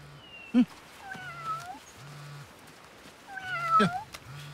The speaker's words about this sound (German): Süß. Hat da jemand eine Miezekatze dabei?